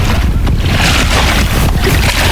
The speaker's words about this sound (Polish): I doskonale słychać, że jesteśmy naprawdę nad Wisłą. Tak jest, ta woda jest prawdziwa, nie z proszku.